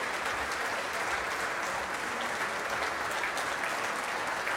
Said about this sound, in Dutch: Nou, het publiek is erbij gaan staan. En het orkest ook. Het orkest applaudisseert mee voor de solist, voor Natalia Milstein.